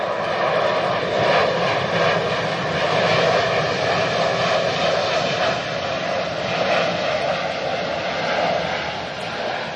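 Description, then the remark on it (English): A steady, loud airplane engine roar at an airport beside a new wetlands fills the whole stretch, a broad rumbling drone with a slight swell in the middle and no speech. “This new wetlands is right next to the airport.”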